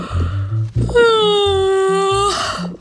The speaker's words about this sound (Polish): Ziewamy. Im potężniej ziewniecie, tym lepiej.